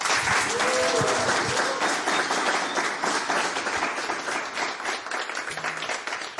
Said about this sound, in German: Einen fulminanten Applaus nochmal bitte.